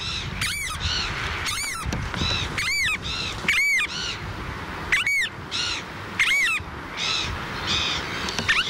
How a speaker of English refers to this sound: The variable oyster catcher, Thoria pungo.